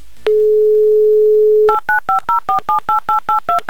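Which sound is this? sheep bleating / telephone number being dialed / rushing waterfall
telephone number being dialed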